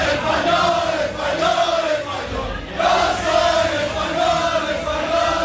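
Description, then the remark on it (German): A large crowd of Spanish fans celebrates loudly after Spain won the Football World Cup final, their second title after 2010, heard in the evening somewhere between Siegen and Weidenau, with continuous cheering and wavering chanted or sung tones rising and falling throughout, dipping briefly before swelling again. “Und so hat sich das gestern Abend irgendwo zwischen Siegen und Weidenau angehört.”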